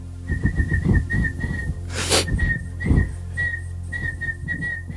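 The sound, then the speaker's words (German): Someone whistles a tune in a steady string of clear, bright notes with a brief breathy burst midway, over a low background hum and no talking. “pfeift und nur die Talentiertesten unter euch mit absolutem Gehör erkennen, was er da eigentlich vor sich hin pfeift.”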